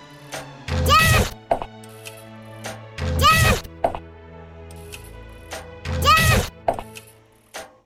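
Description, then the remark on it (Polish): Three repeated video game sound effects, evenly spaced: each pairs a twangy, wavering bowstring release as a character shoots with a heavy thwack of an arrow striking a wall, loud against a quiet background hum. “Ten jakby dziwny dźwięk cięciwy to jest jakby wtedy, kiedy on strzela. A ten to jest jak strzała walić w ścianę, a to jest jak walić w nas.”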